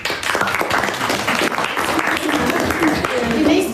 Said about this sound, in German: Applaus für alle und ihre Posts und Slides.